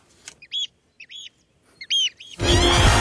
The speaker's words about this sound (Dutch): kunnen leven, maar waar we ook nog eten vandaan kunnen halen en kunnen genieten van dat vogelgeluid wat jij hier elke ochtend hoort. Nou, die kunnen we nog even mooi eronder zetten.